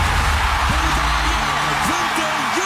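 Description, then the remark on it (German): A dense, steady roar of the audience at the 2026 Eurovision Song Contest in Vienna screaming and cheering as Bulgaria wins for the first time, loud and continuous, while the Swiss television commentator's voice speaks faintly underneath the din. “Nein, man hört wirklich fast nichts mehr vom armen Sven Epine. Das Publikum hat tobet, wo Bulgarien zum ersten Mal gewonnen hat”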